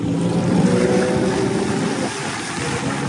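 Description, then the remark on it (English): A passenger boat's engine at sea, in the waters of the Mamanuva Islands heading into the Asawa group, hums steadily throughout with a low rumble and layered tonal whine, loud and continuous with slight swelling and easing, no voices present. “After a few hours at sea, we arrived at Mai Sunset Resort.”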